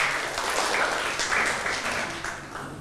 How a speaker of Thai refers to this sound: เดี๋ยวเริ่มจากกลุ่มที่5ก่อนเลยกันนะครับกลุ่มที่5ปรบมือให้กลุ่มที่5ก่อนนะครับ